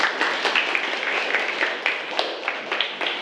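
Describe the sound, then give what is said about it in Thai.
A group of secondary-school students applauds to welcome a guest teacher, a dense, steady patter of many hands clapping at once for about three seconds, fairly loud, with no voices over it. “โดยจะมีวิทยากรที่ให้ความรู้กับนักเรียนเป็นผู้สอนให้กับนักเรียนในวันนี้นะคะก็ต้องขอเสียงปรบมือต้อนรับนะคะ”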